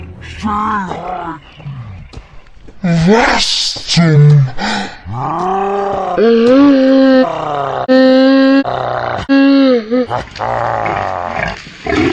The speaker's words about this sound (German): Heißen die hier nicht Wildschweine? Das ist ein Keiler!